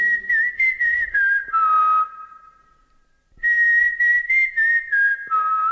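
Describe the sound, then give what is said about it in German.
A clear whistled recognition signal: a short melodic phrase of quick notes sliding down at the end, whistled once, then repeated after a brief pause. No one speaks. “Pfeif unser Erkennungszeichen.”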